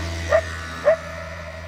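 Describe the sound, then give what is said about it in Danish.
Two short dog barks about half a second apart, in Italy at sunrise by the Mediterranean, over a steady low background hum, with no one talking. “Og så er der jo altså solopgang over Middelhavet, og så kan jeg høre hunde og vespær.”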